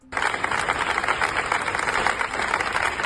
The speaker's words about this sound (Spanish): Ya dentro, durante el pleno, aplaudieron en pie a Mari Carmen, mientras la bancada del Partido Popular, sentada en sus escaños, miraba hacia otro lado